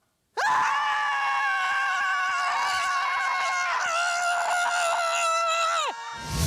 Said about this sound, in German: das Schreien in der Gruppe getestet